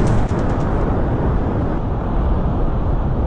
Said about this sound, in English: The sound of gusty winds and an angry Atlantic Ocean as a strong nor'easter hits the East Coast.